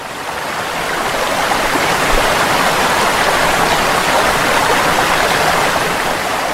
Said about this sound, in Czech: Dolje pod njim teći će dvije vode, od kojih je jedna Vrbas, a druga Pliva. I ova druga, to jest Pliva, izviće se u visok i pjenušav vodopad.